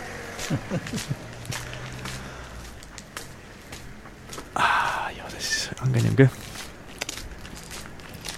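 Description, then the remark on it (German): Steady footsteps on a hard sandstone floor in a studio, fairly crisp, repeating at a walking pace while a person briefly speaks over them. “Warte, gehen wir noch ein paar Schritte, gehen sie noch aus.”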